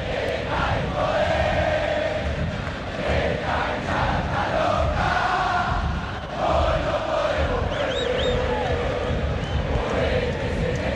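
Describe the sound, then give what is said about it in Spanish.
A large crowd of Boca supporters in a football stadium chants in unison during a match, a loud, continuous roar of massed voices with a steady rhythmic swell and a few high whistles cutting through near the end. “Escuche la gente.”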